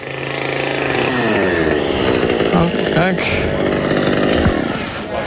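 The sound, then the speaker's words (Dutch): A loud chainsaw runs continuously, its engine pitch rising and dipping as a chainsaw artist carves a dune rabbit from a felled chestnut tree trunk in the street during a busy summer market, while a voice briefly speaks over the roar. “tijdens de drukte van de zomermarkt met zijn kettingzaag in de weer gegaan. En zo klonk het daar.”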